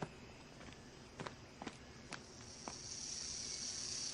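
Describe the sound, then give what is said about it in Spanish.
A few scattered soft taps, then a dry, high-pitched buzz from a venomous diamondback rattlesnake shaking the special scales of the rattle on its tail, swelling into a steady, continuous hiss during the final second and a half. No one speaks. “Mira ese cascabel en la cola. Tiene escamas especiales que la hacen sonar.”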